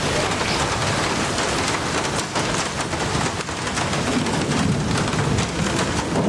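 Steady, heavy rain pours down in a dense, continuous hiss, with a low rumble of thunder rolling underneath toward the end. No voices are present.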